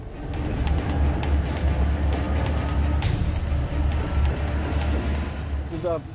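A heavy, steady low rumble of a 9,000-ton, 2,200-metre-long diesel freight train driven by five giant diesel engines at full throttle, laboring up the steepest part toward the summit of the Chugach Mountains, continuous, with a pulsing engine drone and faint metallic rattles throughout.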